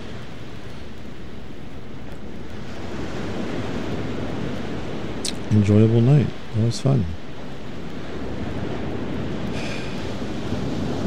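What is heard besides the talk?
ocean waves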